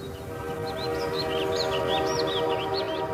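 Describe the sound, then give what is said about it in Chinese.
A moving passenger train travelling from Tianjin to Beiping rumbles steadily, with a droning mechanical hum and a series of thin, high chirping squeals running over the top throughout. “从天津开往北平的火车上，此时坐着一对年轻的夫妇”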